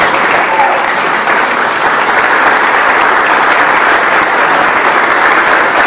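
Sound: standing applause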